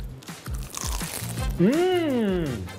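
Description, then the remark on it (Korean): Crisp crunching of someone biting into jeolpyeon rice cake layered with seasoned seaweed like a mini sandwich, crispy on the outside, a few sharp bites in quick succession, then a short voiced exclamation over the chewing. “너무 맛있어요. 겉면 바삭바삭하고”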